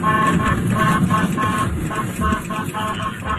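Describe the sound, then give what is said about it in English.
A Minnesota sheriff sergeant's patrol car air horn blasts loudly in repeated pulses over steady engine rumble, used to steer a group of runaway cows away from a roadway, with faint voices underneath. “He used his patrol car and the air horn to steer a group of runaway cows away from a roadway.”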